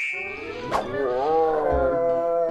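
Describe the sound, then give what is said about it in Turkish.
A bear growls in one long, loud rumbling roar that carries through the whole moment, rising and falling slightly in pitch, with a brief click near the start. “Ayıcığın sesi.”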